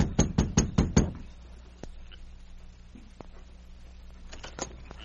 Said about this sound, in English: Within a short time, Sergeant Preston and King reached the Evans cabin and knocked at the door.